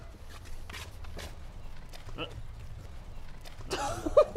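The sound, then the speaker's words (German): Quick hoofbeats of a small running donkey foal thud on the ground, a loose irregular patter that ends in a louder scuffling burst, with faint voices in the background. “Die rennt einen noch über den Haufen.”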